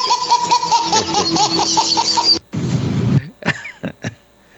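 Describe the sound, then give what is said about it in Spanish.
Several people laugh loudly together for a couple of seconds, then one person, who has a cough, breaks into a rough, heavy cough followed by a few short, sharp coughs. “Ay, no me hagan reír tan temprano, hombre, que traigo tos.”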